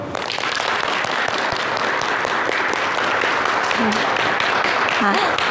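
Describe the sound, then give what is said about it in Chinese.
A crowd claps steadily and loudly for several seconds, a dense wash of applause with no pause, welcoming an exhibition curator as a lesson's speaker at an exhibition; a few faint voices briefly surface near the end. “让我们掌声有请”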